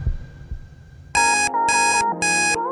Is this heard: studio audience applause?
no